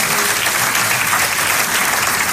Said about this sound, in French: que tous ceux, pas juste qui veulent ça, mais qui vont persévérer comme Abraham, qui vont persévérer jusqu'à l'obtention de la promesse, disent Amen et applaudissent bien fort le roi des rois.